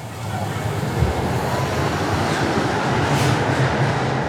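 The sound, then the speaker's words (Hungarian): A tram rolls along a track whose rails are glued onto a concrete bed, which amplifies the noise coming from under the car, with a steady, loud low rumble and rattling wheel noise, the roar holding even throughout with no voices. “Hát sajnos a betonnak az uzott ágyazattal szemben van egy olyan tulajdonság, hogy a közlekedésből eredő zajok felerősödve kerülnek ki a kocsi alól. Egy picit valóban hangosabb a pálya.”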